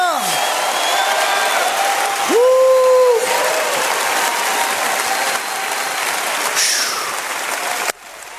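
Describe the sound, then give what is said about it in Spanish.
A large standing audience claps steadily and loudly for several seconds, with shouts and whoops rising over the dense applause, then the noise cuts off abruptly near the end. “Póngase de pie y empieza a gritar. Empieza a aplaudir.”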